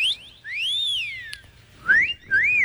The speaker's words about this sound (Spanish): Yo también silbo.